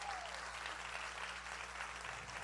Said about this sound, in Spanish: Sí, ese es el aplauso.